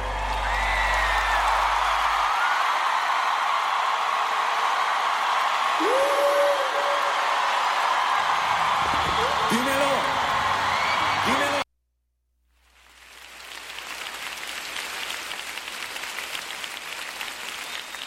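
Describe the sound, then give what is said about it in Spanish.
A crowd applauds loudly and steadily for the speaker's wife, with scattered cheers and whoops rising over the clapping. The applause breaks off briefly near the end, then resumes at a similar level. “Un aplauso a mi esposa”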